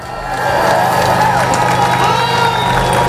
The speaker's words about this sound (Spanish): Aplausos, claro, a uno y otro lado de la verja del Peñón para celebrar la caída definitiva de la frontera